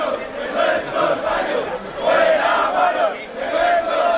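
A protest crowd shouts insults in Spanish in unison, including "fuera guarros de nuestros barrios", voices rising and falling in repeated chant-like bursts that stay loud and steady throughout, with no single voice standing out.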